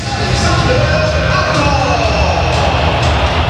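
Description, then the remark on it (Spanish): A stadium crowd applauds in a loud, unbroken wash of clapping and cheering over a deep rumble, steady for several seconds, with no single clap standing out, as the stadium PA announces Real Madrid goalkeeper Courtois. “¡Aplausos para Courtois!”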